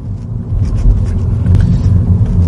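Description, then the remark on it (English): A steady, loud low-frequency rumble of a Mini, a small car, driving at about 30 mph over a rough road surface, with faint knocks and thumps from bumps and no voices. “So immediately when you just put on just that 10 miles an hour more speed, so you're going from a 20 mile an hour zone in town, going over quite rough surfaces, the Mini handles the roughness of a bump quite well.”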